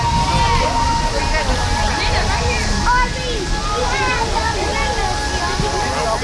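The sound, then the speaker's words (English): A steady, full roar of flames and rushing water fills the scene outdoors at night at the Keeper of the Plains in Wichita during the Ring of Fire, with a crowd of families and friends on the bridges and riverbanks, their overlapping chatter rising and falling throughout. “The fire, the river, and the keeper of the plains, and the Wichita skyline in the background.”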